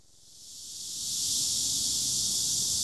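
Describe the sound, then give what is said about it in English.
A dense, high-pitched buzzing chorus of cicadas in the midday heat of a South Korean heat wave swells over the first second and then holds at a loud, steady drone, with no one speaking. “A deafening crescendo of cicadas cuts through the midday heat.”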